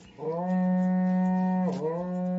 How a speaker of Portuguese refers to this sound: Toca o berrante. Ele tá pedindo pra tocar. Rapaz, o berrante aí. Vamos acordar o povo.